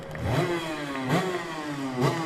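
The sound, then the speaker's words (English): A racing motorcycle engine at the Isle of Man revs hard in three sharp bursts, its high harmonic whine climbing and falling with each blip of the throttle, loud and raspy with no voices. “That sounds absolutely crisp as anything. It's actually running better, that is, I think, better when John said it was missing a little bit before, didn't he?”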